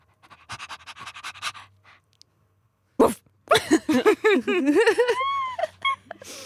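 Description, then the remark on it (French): A person imitates a female dog panting: quick rhythmic breathy huffs, then a burst of whiny, yelping vocal sounds rising and falling, fairly loud, with no speech. “Ah, après la vouivre, la chienne...”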